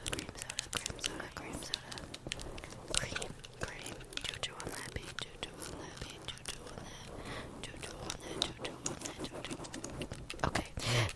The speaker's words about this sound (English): Oh my gosh, guys, I'm spraying a spray bottle, and it's hitting the door, and it's really satisfying. It sounds like rain.